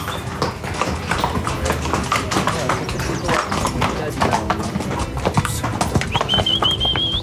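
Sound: horses walking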